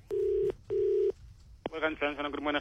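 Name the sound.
telephone dialing tones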